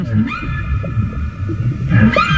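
A long, wavering call of a female whale with drawn-out tonal moans that rise and fall, set over a deep underwater rumble. No one speaks.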